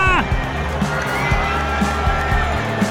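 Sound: stadium crowd cheering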